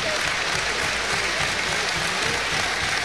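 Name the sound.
stadium crowd applauding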